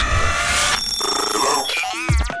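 A loud, bright electronic ringing tone sounds briefly, then shifts into sustained tones and quick sweeping chimes, like a phone ring blended into a short jingle, with no one talking.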